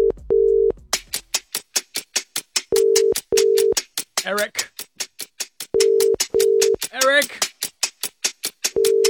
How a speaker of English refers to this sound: I was trying to will him into picking up the phone then, but no good.